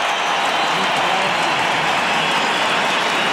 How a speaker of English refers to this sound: So special, so emotional. Look at this crowd. They're all on their feet. Another roar from the crowd.